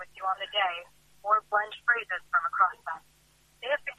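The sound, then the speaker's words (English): A second phone's ringtone plays: a quick run of bright, warbling electronic notes in short bursts, pausing briefly before starting again. “Apologies, my other phone is just going.”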